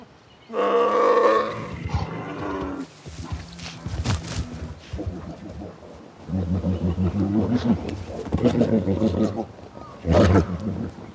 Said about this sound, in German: Normalerweise gehen sich die Einzelgänger aus dem Weg. Nun aber treffen Bärenmänner aufeinander als Rivalen.